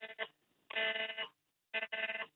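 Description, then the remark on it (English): Harsh, buzzy electronic alert tones blare in repeated bursts with short gaps between them, loud, as several mobile phones sound an emergency alert in Montreal saying the alert about an armed and dangerous suspect in the Côte des Neiges neighborhood has ended. “There's another alert coming through on all our phones.”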